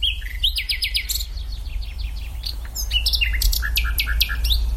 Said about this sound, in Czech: Tak teď jsme slyšeli, myslím, vcelku důvěrný zvuk. Komu patřil? Tohle to je slavík obecný. Kdo ho má na zahradě, tak je jistě velice rád, protože slavík vyspěvuje od večera až do pozdního rána, takže zpívá celou noc.